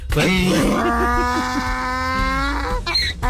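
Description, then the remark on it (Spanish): A loud donkey bray, one long strained call that wavers and rasps in pitch for about three seconds before breaking off, with no talking over it. “Rebuznadita de burro para mi querido Freddy de parte de ….”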